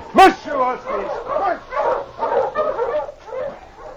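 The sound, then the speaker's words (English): A dog, King, the great dog of Sergeant Preston, lets out one sharp, loud bark right at the start while heading back to Selkirk on a branch trail from the hills, then a voice talks steadily for the rest of the moment with no further barking. “On a branch trail a few miles ahead, Sergeant Preston and his great dog, King, were heading back to Selkirk after making a trip back into the hills.”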